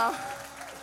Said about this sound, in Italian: Per favore, dovete estendere questo applauso a Joe Fantini. Cicci! Grande applauso, ragazzi, che bello.